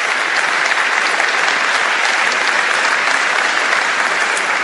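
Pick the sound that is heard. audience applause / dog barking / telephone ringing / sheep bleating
audience applause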